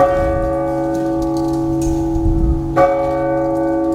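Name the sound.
church bell ringing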